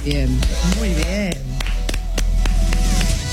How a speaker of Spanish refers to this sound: Es una academia dedicada a estudiar, preservar y defender la historia del reggaetón y el perreo, chicos. Fuerte el aplauso. ¡Vamos!